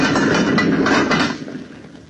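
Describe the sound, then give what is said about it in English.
A heavy metal furnace door scrapes and clanks shut after a log is stowed in the burning fire, on the side of Mount Greylock. A loud rough burst with a few sharp knocks, then a fading rumble. No voices. “All right, then. Shut the door.”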